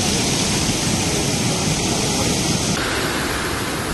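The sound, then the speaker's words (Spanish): Loud, continuous roar of rough sea waves up to 2 metres crashing against the coast during the September Pino tides, water spilling onto seaside promenades, with strong wind gusting around 70 km/h blowing steadily over it. A dense wash of noise with no pauses and no voices. “Las mareas del Pino, que están dejando oleaje con agua que se cuela en los paseos y con piedras también que deja en la calle.”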